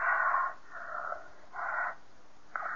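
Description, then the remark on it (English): A woman breathes heavily and wheezily in a steady rhythm, rasping inhales and exhales alternating about once a second, fairly loud with no talking. “is where her breathing gets heavier.”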